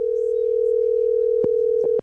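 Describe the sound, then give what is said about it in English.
A steady, loud telephone dial tone hums continuously for the whole two seconds, with a few faint clicks near the end as if buttons are being pressed, from a phone hooked up to a radio studio mixing board. “You got your phone hooked up to the board.”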